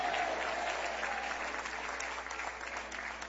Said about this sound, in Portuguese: Quantos podem bater palmas e dar glória a Deus? Podem dar glória a Deus.